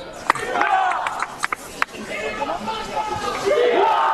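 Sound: crowd shouting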